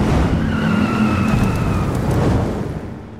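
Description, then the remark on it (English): Loud, roaring car engines rumble continuously, with a high squealing whine of tires cutting through the middle, before the noise begins to fade slightly at the end; engines roaring for the Wyoming Moose Lodge Dust-Off Car Show. “Be there when the engines roar.”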